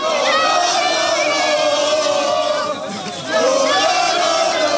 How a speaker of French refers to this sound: Ah, c'est beau, ces supporters qui chantent et qui hurlent.